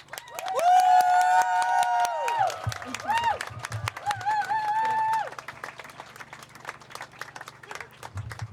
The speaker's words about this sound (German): jetzt dürfen wir auch einmal einen richtig lauten Applaus machen für alle, die die Reden gemacht haben